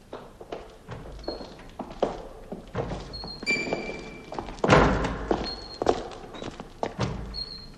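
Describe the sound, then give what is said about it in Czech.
A loose door blown by the wind bangs open and shut again and again, irregular heavy thuds roughly every second, with faint high creaks between knocks and no voices. “To, co jsme zrovna slyšeli, byly dveře, které se větrem zavírají a otvírají.”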